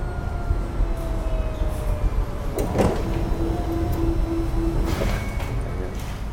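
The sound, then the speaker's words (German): A steady, faint electronic hum with thin whining tones running underneath, broken by two brief rustling, mechanical bursts partway through and again near the end, from a nearly 2-metre-tall high-tech scanner in a dim fifth-floor room as a news magazine is laid on its glass and scanned page by page. “Das Geräusch stammt von einem Scanner.”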